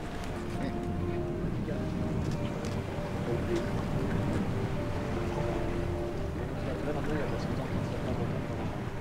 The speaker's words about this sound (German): Unterwegs im Rhythmus von Wind und Wellen.